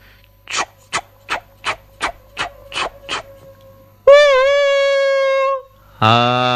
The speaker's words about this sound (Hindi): बच्चों, रेलगाड़ी तो तुमने देखी होगी, है ना?